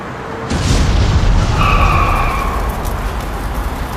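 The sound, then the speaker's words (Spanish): A small plane carrying six passengers and two crew, flying from Langkawi International Airport, crashes as it nears an airport in Malaysia, with a sudden, loud impact and explosion as it bursts into flames, then a heavy roaring rumble continues, with a brief high-pitched screech rising partway through. “Este es el momento en que una avioneta con 6 pasajeros y 2 tripulantes se encendió en llamas tras un mortal impacto.”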